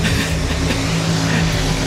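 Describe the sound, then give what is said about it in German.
Tractor engines roar at a tractor-pulling event in Sonsbeck: a loud, continuous roar with a deep, steady droning hum, sustained without letup and heard on its own with no voices. “Wir sind beim Traktor-Pulling in Sonsbeck. Was das hier genau alles gibt, wer hier so im Hintergrund die Motoren heulen lässt, das checken wir alles in 5 Minuten.”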